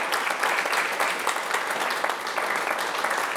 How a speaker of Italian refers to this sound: Allora, intanto un applauso.